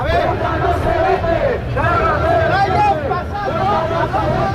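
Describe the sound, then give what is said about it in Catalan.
A crowd of up to 1,700 people marching on Passeig de Gràcia in Barcelona in defense of Ceuta and Spanish unity chants slogans such as "Ceuta no se vende, Ceuta se defiende" and "Catalunya és Espanya" in unison, loud and continuous, with rhythmic rising-and-falling phrases over dense, rumbling crowd noise. “Sota crits com Ceuta no se vende, Ceuta se defiende o Catalunya és Espanya, fins a 1.700 persones, segons la Guàrdia Urbana, han clamat a favor del poble ceutí al Passeig de Gràcia de Barcelona.”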